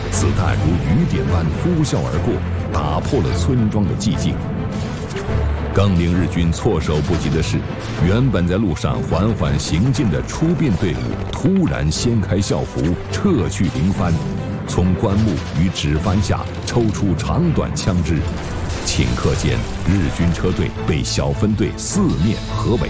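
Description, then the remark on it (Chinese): Rapid bursts of gunfire and booming artillery crackle continuously, loud and dense, with sharp repeated shots layered over a heavy rumbling background, depicting Eighth Route Army soldiers ambushing a Japanese army convoy on a village road. “霎时间，枪声骤起。”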